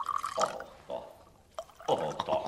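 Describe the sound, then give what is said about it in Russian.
Drinks are poured into wine glasses in a few short bursts, with bright gurgling splashes and a faint clink between pours, at moderate loudness. “Ну что вы, князь, налейте бокалы сами.”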